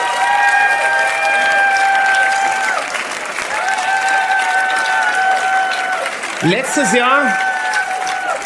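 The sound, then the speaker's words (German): A big, steady round of audience applause for a band from South Tyrol fills the whole clip, dense and loud, with long held tonal notes ringing over it and a brief sliding, wavering sound near the end. “Und ich denke, da gibt's einen Riesenapplaus für meine lieben Freunde aus Südtirol,”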